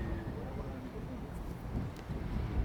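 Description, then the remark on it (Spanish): Blustery harbor ambience at the Puerto Naos dock in Arrecife, Lanzarote, where two rescue boats have arrived: a steady low wind rumble buffets the microphone, with faint boat and water sounds and indistinct voices murmuring in the background. “Aquí, a este muelle de Puerto Naos, en Arrecife, en la capital de Lanzarote, han llegado las dos embarcaciones que han rescatado a cerca de 80 personas, a 82 concretamente, tres de ellos fallecidos en alta mar.”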